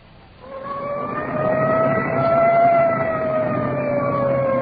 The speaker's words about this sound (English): Arriving at the scene of the crash. Siren clearing a path through the traffic.